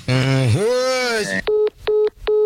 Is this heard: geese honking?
no